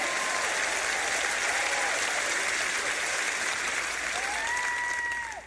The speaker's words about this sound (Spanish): Ahora pueden aplaudir y hacer ruido.